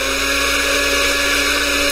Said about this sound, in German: Warum läuft denn jetzt der Mixer? Da ist nicht mal was drin. Was soll das denn jetzt?